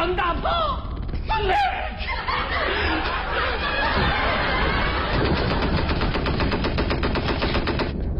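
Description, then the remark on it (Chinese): Loud bursts of machine-gun fire and scattered gunshots fill the scene, growing into a rapid, steady rattle toward the end, with voices shouting briefly at the start amid the chaos. “耳畔仿佛又响起那熟悉的枪炮声。”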